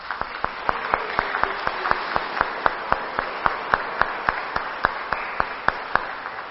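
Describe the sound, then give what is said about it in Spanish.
An audience at a Catholic Mass applauds steadily for several seconds, a dense wash of many hands with sharper claps rising out of it in a fairly regular rhythm. No one speaks over it. “Y ahora, por favor, volteándonos hacia el pueblo, por favor, y nosotros vamos a darles un fuerte aplauso.”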